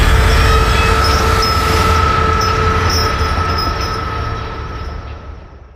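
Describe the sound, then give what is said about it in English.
A phantom train rumbles loudly out of a school gym, shaking the hallway walls as it passes along its old route, heavy low-end roar with steady tonal whine from the wheels, gradually fading as it moves away. No voices. “The final apparition is a phantom train that can be heard roaring out of the gym and shaking the walls of the hallways as it passes through its old route where the school was built.”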